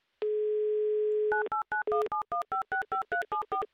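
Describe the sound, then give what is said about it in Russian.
Telephone line tones of a call placed to Samara during an MRFM radio broadcast: a steady, fairly loud hum holds for about a second, then a quick run of about a dozen short beeps in an even rhythm. No one speaks. “Оп, а вот и гудки пошли.”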